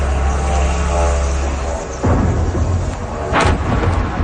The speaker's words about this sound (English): An eyewitness videos the moment a drone slammed into an apartment building in the Russian capital.